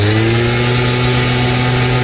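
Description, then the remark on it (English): A gas-powered leaf blower roars steadily with a loud, constant engine drone and a strong low hum with layered harmonics, plus a broad rushing hiss of air, unbroken throughout. “And here's a gas-powered leaf blower.”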